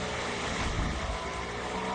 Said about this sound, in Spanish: Ya empieza el rugir de los motores.